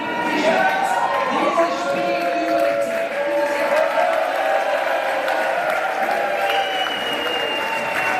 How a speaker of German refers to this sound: Auch wir sind heute Morgen in einem Public Viewing dabei gewesen in der Fußballbeiz des Restaurants Zickzack in Allschwil in der Region Basel. Und da war der Jubel groß heute früh, als der Schlusspfiff ertönte.